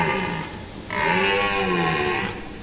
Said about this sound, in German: Das ist wahrscheinlich kein Bär, sondern eben ein Hirsch auf Partnersuche. Und damit Sie wissen, wovon ich rede, so klingt es, wenn im Wald gerade so ein bisschen geflirtet wird.